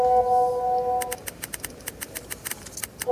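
Mobile phones sounding for messages, videos and notifications: a steady electronic tone that stops after about a second, then a quick run of sharp, evenly spaced clicks and taps, with the tone briefly returning at the end.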